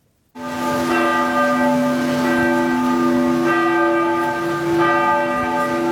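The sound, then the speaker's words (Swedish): Cathedral bells across Norway ring out loud and sustained for a memorial service for King Harald, their deep tolling tones layering into a rich, continuous peal with overlapping strikes and long resonant hum, no voices present. “I Norge ringde idag alla landets domkyrkor till minnesgudstjänst för kung Harald.”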